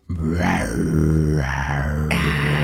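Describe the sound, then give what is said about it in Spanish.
A person growls deeply in imitation of a tiger, one sustained rumbling snarl that swells and roughens, loud, with no other talking. “Espérate, hazme un tigrito, profe, ya me gustó.”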